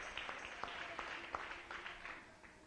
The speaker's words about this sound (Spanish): Dale un aplauso al Rey. Aleluya.